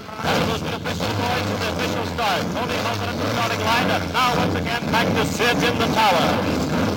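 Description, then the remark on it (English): Several race car engines start up at the starting line on the command to start engines, rumbling and revving together under a steady wash of crowd noise, with rising and falling whines cutting through the loud, continuous roar. “Gentlemen, start your engines.”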